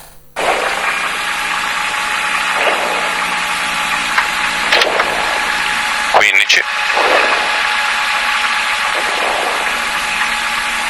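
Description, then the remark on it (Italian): A rally car engine roars loudly and continuously from inside the cabin, its revs climbing and dropping in repeated surges, with a brief sharp clatter partway through. “Venite in macchina con noi, volume a palla, andiamo.”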